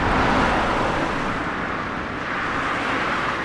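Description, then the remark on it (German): Heavy trucks rumble steadily along Stubenrauchstraße, a lime-lined inner-town avenue on the B96 in Zossen, Brandenburg, about an hour south of central Berlin: a loud, continuous wash of engine and tire noise with deep low-end roar and no pauses or voices. “Laster donnern im brandenburgischen Zossen, etwa eine Stunde südlich vom Berliner Stadtzentrum entfernt, durch die beschauliche Stubenrauchstraße.”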